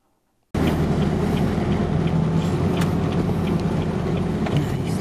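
A heavy military truck loaded with disaster relief supplies drives into a disaster area on Mindanao, Philippines, over a rough road damaged by earthquakes and heavy rain. Its loud, steady engine rumble is dense, with occasional rattles and jolts. It starts abruptly after a brief silence, with no voices.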